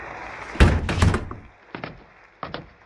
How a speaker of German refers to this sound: Da öffnete sich die Tür des Richterturms erneut.